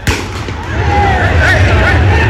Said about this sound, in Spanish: Me encuentro aquí en el gramado de juego, observando todo. La policía afuera también, realizando algunos disparos intimidatorios.